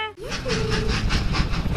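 The train Troy rolls along, its wheels beating a steady, rapid clickety-clack on the rails, with a short whistle-like tone sliding in near the start.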